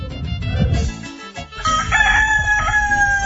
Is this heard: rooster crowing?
yes